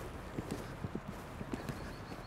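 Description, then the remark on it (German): A heavy Alt-Oldenburger warmblood horse, a breed bred for carriage work rather than sport, is pushed into a faster gait. Its hooves clip-clop in a quick, steady rhythm, a dozen or so muffled hoofbeats over about two seconds, with no voices. “Er ist ja ein Altoldenburger, eigentlich so mehr für die Kutsche gezogen.”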